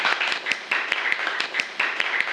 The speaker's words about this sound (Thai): ปรบมือให้กลุ่มที่1หน่อย